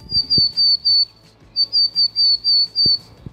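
A willow tit gives two runs of clear, high, evenly spaced whistled notes, about five then six, with a short gap between. The notes are distinct, with no talking.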